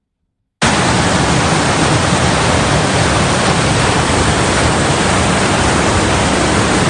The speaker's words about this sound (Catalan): La primera tromba d'aquesta nit va desbordar el barranc del Pelós en 35 minuts. El pas de l'aigua pel mig de la població a Santa Bàrbara era de soroll i preocupació.